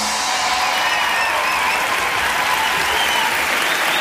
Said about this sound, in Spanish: Muchas gracias por venir, esperamos que lo paséis genial y os pedimos un fuerte aplauso para José Luis Sastre y Miguel Maldonado.